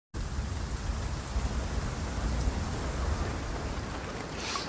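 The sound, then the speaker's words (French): Steady rain patters on a car roof in a dense, continuous hiss with a low rumble underneath, holding an even level throughout with no voices. “Cette pluie qui pleure, dans l'automne qui perd ses faunes, c'est Déméter qui se meurt de l'exil de Perséphone.”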